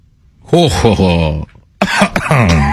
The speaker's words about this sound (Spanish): Triunfante, el vampiro quiso celebrar su victoria, se llevó las manos a la cintura, miró al cielo y soltó una carcajada malvada que terminó en tos porque se ahogó con su propia saliva.